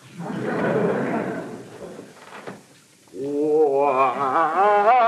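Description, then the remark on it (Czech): A voice imitates a door opening: a breathy, rasping whoosh, then a drawn-out, wavering creak that rises and falls like a squeaky hinge, loud. “Dveře.”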